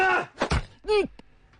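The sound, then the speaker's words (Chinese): A dull, heavy thud of a punch striking a body, framed by strained grunts, then a drawn-out pained groan that rises and falls before a faint click. “你虽无辜，但竟然要站出来，那便受这一拳。”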